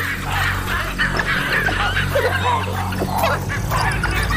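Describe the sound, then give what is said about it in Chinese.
Baboons give sharp alarm barks, several repeated calls with yipping, chattering edges, set against a steady, dense background wash of ambience. “狒狒因为其他事情发出了警报。”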